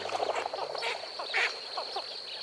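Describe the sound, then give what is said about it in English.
A flock of blue-winged teal, small dabbling ducks, lifting off from a marsh, call in a busy chorus of short, high peeps and chatter, overlapping continuously at moderate volume against a steady, faint marsh hum. “These dabbling ducks are called blue-winged teal.”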